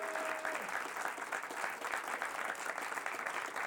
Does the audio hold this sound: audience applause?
yes